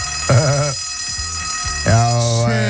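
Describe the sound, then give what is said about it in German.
A school bell in the Vogtland rings on the last school day before the holidays, one long, unbroken electric peal for the whole clip, its bright metallic tone steady and loud while voices speak over it. “Nochmal die Glocke zum letzten Mal.”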